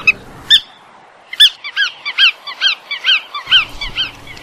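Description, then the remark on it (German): A bar-tailed godwit, a migratory wading bird, gives a rapid series of nasal, yelping calls. After two opening calls come about a dozen notes in quick rhythm, clear against faint low background noise. “Und damit der Vogel der Woche, der Iron Man unter den Zugvögeln, allemal unter den Wartvögeln, die Pfuhlschnepfe.”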